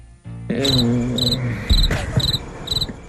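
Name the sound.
crickets chirping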